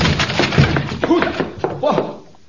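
A wooden door is forced open with several heavy thumps and a splintering, cracking crash of wood over about two seconds, then the noise quickly dies away.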